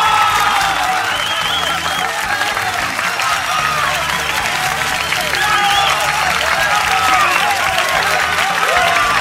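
A large crowd of men, women and children shouts "¡Viva México!" and cheers nonstop for about nine seconds, a loud, dense roar of many overlapping voices with clapping mixed in, steady in volume throughout.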